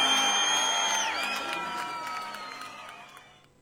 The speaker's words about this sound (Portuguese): Aplausos para